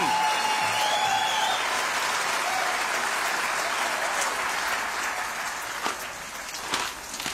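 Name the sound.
audience applause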